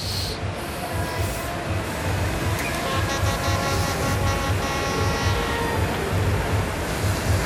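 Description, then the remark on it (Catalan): A continuous, droning buzz of vuvuzelas blown by fans blares without pause, several overlapping horn tones holding steady over a loud, dense wash of background noise for the whole stretch, on a pleasant, dry, not too hot day. “Són bubuzeles, això que sentim de fons.”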